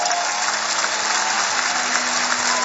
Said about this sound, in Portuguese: Temos esta noite aqui uma equipa fantástica de bailarinos. Um aplauso para eles.